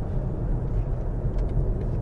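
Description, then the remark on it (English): A steady, low rumble of a car cruising at 70 miles per hour on a motorway, with constant road and tyre noise and a faint, smooth hiss of air; very little wind noise. No voices and no changes in pace. “Now cruising at 70 miles an hour. Very little wind noise.”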